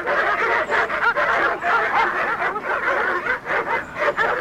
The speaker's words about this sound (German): Aber als wir nach langer Eisenbahn- und Busfahrt und einem nicht enden wollenden Fußmarsch schließlich spätabends vor dem Haus angekommen waren, begrüßte uns nicht Herr Morgan, sondern eine wild kläffende Hundemeute.